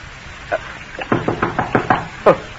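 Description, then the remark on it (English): The sergeant of the guard knocks on a door: a couple of hesitant knocks, then a quick, even run of about six firm raps, ending with one louder, heavier knock. No voices. “Who can it be this time? Who's there?”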